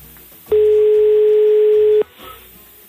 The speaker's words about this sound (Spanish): Vamos a ver si da tono, si nos coge el teléfono. Espero que sí. Sí, por Dios. A ver, ahí está.